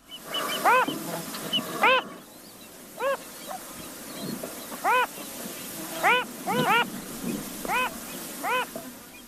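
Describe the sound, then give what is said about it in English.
A male phalarope gives a string of short, nasal, buzzy calls, singly and in quick doubles, repeated irregularly over a quiet outdoor background. “Like many fathers, the male phalarope tries to sing with usually more enthusiasm than melody.”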